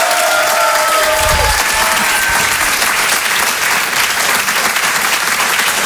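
A large audience claps loudly and steadily, a dense wash of applause filling the whole stretch with no break, with a faint tonal whistle or cheer near the start.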